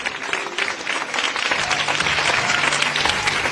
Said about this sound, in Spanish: Amén. Eso, aplauda.